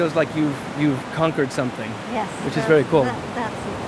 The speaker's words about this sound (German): Jetzt werden die Wellen größer, das ist auch gut.